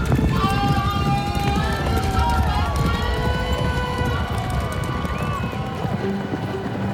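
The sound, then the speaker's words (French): Steady galloping hoofbeats drum loudly and continuously, mixed with the murmur and shouts of a crowd, suggesting horses racing past. “Ils peignent les chevaux en train de bondir et les jockeys qui ratent leur départ.”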